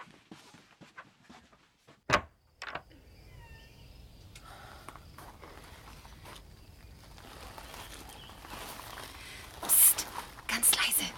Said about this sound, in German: Die Tür zugemacht? Hab ich.